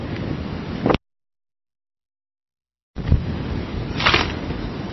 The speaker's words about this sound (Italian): Sì, sì, c'è un po' di vento.